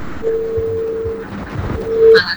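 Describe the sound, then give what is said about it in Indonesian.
A steady electronic beeping tone on an incoming phone line of a radio call-in show, a long continuous beep followed by a short pause and another beep, heard over faint line noise with no talking. “Yang masuk malah tutut.”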